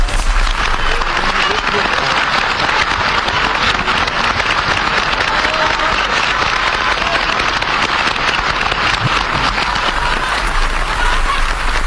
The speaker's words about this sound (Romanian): Vino pe scenă, regele aplaudă. Auzi.